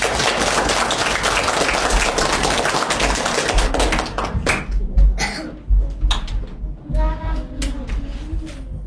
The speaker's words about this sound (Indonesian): Mari kita beri tepuk tangan yang meriah.